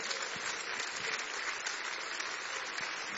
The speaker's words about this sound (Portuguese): Vamos recebê-la com aplauso para Jesus.